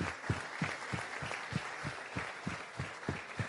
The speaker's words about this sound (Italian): Io voglio ringraziare innanzitutto voi ragazzi, perché stare qui dalle 3, prestare questa attenzione con tutti questi relatori, meritate voi un applauso da parte nostra. Quindi grazie.